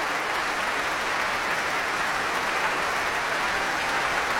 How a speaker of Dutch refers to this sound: En al die verschillende secties uit het orkest krijgen nu ook een prachtig applaus. De houtblazers die meespeelden met het melodieuze tweede deel.